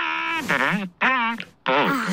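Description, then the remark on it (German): A voice imitates an elephant trumpeting: three loud, wavering calls that slide up and down in pitch, with short gaps between them. “Der Elefant hat dich geweckt.”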